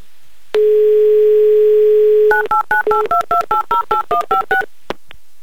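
A steady telephone dial tone hums for about two seconds, then a quick run of eleven dual-pitched keypad beeps dials a phone number in Magnitogorsk, ending with a faint click. No one speaks.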